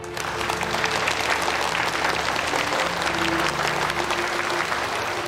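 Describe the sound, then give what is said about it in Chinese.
Sustained applause from a large crowd, a dense steady clatter of many hands clapping at an even loudness throughout, with faint tonal hum underneath and no clear voices. “我要为你们的决心、你们的热情、你们心怀国家的思想鼓掌。”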